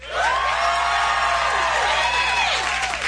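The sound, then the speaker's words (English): The left half of a large concert crowd at a Kendrick Lamar show cheers and whoops loudly and continuously when told to make some noise, with rising and falling shouts layered over a dense, energetic roar of voices throughout. “And he splits the crowd in half, and he's like, all right, left side, make some noise.”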